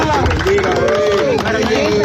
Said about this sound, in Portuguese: estamos a ver um momento em que o bebê é embrulhado numa manta, é resgatado, ouvem-se muitas palmas